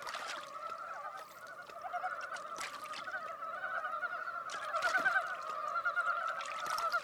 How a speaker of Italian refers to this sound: Ovunque risuona il concerto delle rane di Dybovsky.